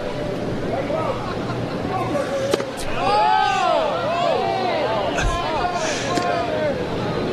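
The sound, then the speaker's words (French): A baseball stadium crowd at a Sioux Falls versus Winnipeg game reacts to a pitch on a full count with a steady roar of overlapping voices that swells about three seconds in, with sharp knocks and scattered shouts rising out of the continuous hubbub. “Semblable à la réaction de la foule, c'est pour ça que j'étais bouche bée là temporairement.”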